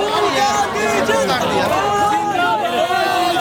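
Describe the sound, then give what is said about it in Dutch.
A large crowd of protesters marching toward the Supreme Court chants and shouts slogans together, such as "Long live Rahul Gandhi" and "Long live the revolution", many overlapping voices forming a loud, steady roar that holds without a break for the whole stretch. “Lang leven Rahul Gandhi, roepen ze hier. En lang leven de revolutie.”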